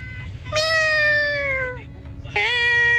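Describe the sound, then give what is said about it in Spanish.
A person does a convincing cat impression as a hidden talent on a Tropicana radio show: two long, drawn-out meows, loud, the second starting after a brief pause and cut off at the end, over a low background rumble. “Hace igualito al gato.”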